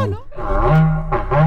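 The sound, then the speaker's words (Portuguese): An ox bellows in long, low, droning moos, one drawn-out call followed by a shorter rising one, loud and rough with rich harmonics. “Colocando boi berrando aí.”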